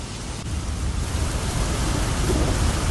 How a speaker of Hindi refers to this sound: देखिए मौसम ने जिस तरीके से करवट ली है वो तस्वीर हम अपने दर्शकों को दिखा रहे हैं और दिल्ली के तमाम इलाकों में आंधी तूफान और तेज बारिश भी आ रही है।